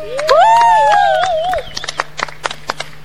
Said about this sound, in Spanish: Fuerte el aplauso.